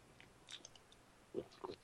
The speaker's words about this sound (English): Let me get a slurp.